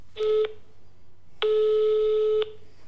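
Two electronic telephone tones, a short beep followed by a longer one after a brief pause, steady and clear with no voices, as a telephone call to a guest is being connected.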